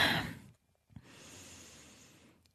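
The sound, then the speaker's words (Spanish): An audible breath taken as a deep breath in through the nose during a guided breathing exercise: a short breathy rush, a brief pause, then a long, steady airy inhale that slowly fades, with no talking. “Ay, tomo una respiración profunda por la nariz. Suelta por la boca.”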